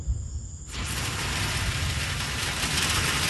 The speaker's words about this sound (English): All right, here's the rain. Woo. It is coming down like crazy. Holy moly. Wow. Woo. All right, that is a long time in the making.